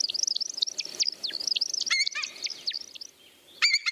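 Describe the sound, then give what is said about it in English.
An American woodcock's display flight as it descends to the ground in erratic swoops: a rapid, steady run of high, liquid chirps with quick downward slurs, ending in a brief pause and a final burst of twittering, with no voices. “Birds like the common snipe and this American woodcock descend to the ground in erratic swoops, reminiscent of a falling leaf.”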